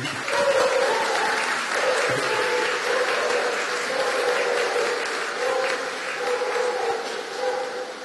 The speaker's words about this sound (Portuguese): Queremos renovar o nosso acolhimento ao Frei Marlon e ao Senhor com uma calorosa salva de palmas. Seja bem-vindo.